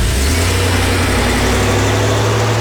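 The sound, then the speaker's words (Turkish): A car engine runs loudly, a steady throaty rumble with a deep low hum and no voices, holding at an even pitch throughout. “Ya abi tamam yorma arabayı ya.”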